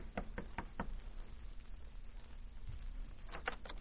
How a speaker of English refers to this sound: And White knocked on the door of her suite the following evening.